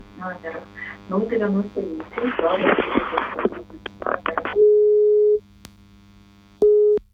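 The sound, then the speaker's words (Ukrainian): A telephone busy tone sounds after a dropped call: two steady, loud electronic beeps with a pause between, following a stretch of muffled speech over a low hum. “На жаль, щось зірвалося.”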